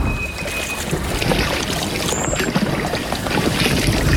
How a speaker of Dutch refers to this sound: Hoor je die hoge, ijle geluidjes? Dat hele hoge... Ja, dat zijn alarmroepjes van vogels. En dit specifieke roepje, dat is voor gevaar uit de lucht.